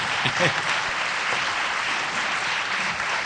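A crowd applauds steadily, a dense wash of clapping that holds at an even loudness for a few seconds, with a brief voice or cheer rising near the start.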